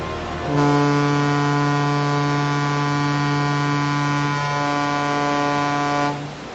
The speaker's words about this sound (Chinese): 现在广播，1984年12月1日9时20分，穿越赤道，向阳红十号与J-121船鸣笛1分钟。